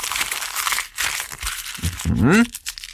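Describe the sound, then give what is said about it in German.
A sheet of A4 paper is crumpled into a small ball, a dense run of crackling, crinkling bursts, followed by a short rising vocal sound near the end. “So, also einmal ein DIN A4 Blatt zerknüllen, dass das so ein kleiner Ball ist.”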